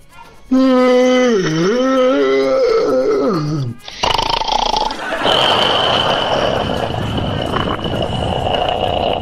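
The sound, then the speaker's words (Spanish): A long, loud yawn, drawn out with a wavering, groaning voice that dips and falls at the end, followed by rough noisy rustling and a thin, steady high-pitched tone. “Se anda bostezando, mande el nombre.”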